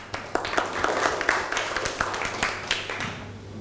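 A burst of audience applause for a student representative, many hands clapping in a dense, steady patter with sharper individual claps popping out, holding at a fairly even level throughout with no voices.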